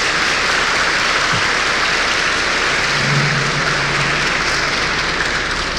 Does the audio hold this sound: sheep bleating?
no